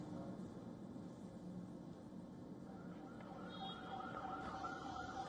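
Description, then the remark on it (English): An ambulance siren wails over a dense wash of street and crowd noise during clashes with protesters in Rawalkot, ambulances carrying injured protesters; faint at first, then rising clearer and louder in the second half as the vehicle approaches. “Ambulances were seen carrying injured protesters.”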